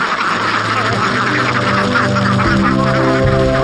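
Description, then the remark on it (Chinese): A large flock of trained domestic Ma ducks, an egg-laying breed, quacks and honks continuously at a duck farm in Lihua Village: a dense, overlapping chorus of many birds with no pauses, loud and steady throughout. “经过训练的麻鸭采食规律，产蛋率也高。”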